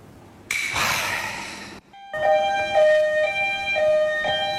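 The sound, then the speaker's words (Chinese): A loud ambulance siren wails in a steady two-tone pattern, alternating high and low pitches, after a brief burst of rushing noise at the start, as an ambulance comes to a village to take a mother and her son to the big county town hospital. No one speaks. “哎，来救护车干啥？”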